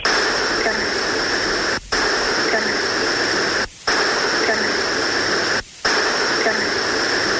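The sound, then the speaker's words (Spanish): Dense, steady radio static hisses loudly with faint humming tones running through it, broken by three brief dropouts to near silence about every two seconds; an electronic voice phenomenon (psychophony) recording said to contain a voice saying "carne" (meat). “Vale, vamos a escuchar esta de carne y luego vamos atrás.”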